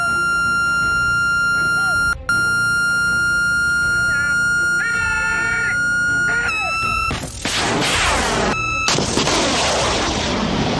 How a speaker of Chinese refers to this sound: 听到这个蜂鸣声，就是我们的射手已经开始锁定目标了。